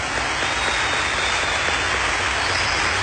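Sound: loud applause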